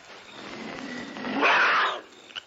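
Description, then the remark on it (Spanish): A big wild cat growls, a low rumbling snarl that swells into a louder, harsher peak before fading, with a brief sharp sound right at the end. No one speaks. “Es un animal malo. Debe ser un tiguerío.”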